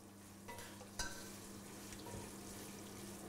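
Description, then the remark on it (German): Kitchen cooking sounds as a woman prepares a festive meal of specialities from her home country: food sizzling steadily in a pan while a utensil stirs and scrapes, with a sharp clink near the start, moderately quiet, no voices. “In der Küche wird gewirbelt. Heute soll es ein Festessen geben.”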